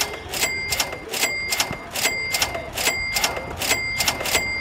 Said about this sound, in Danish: Ja, men jamen, så tror jeg da, vi skal have fyret op for nogle flere mønter i det her kasseapparat.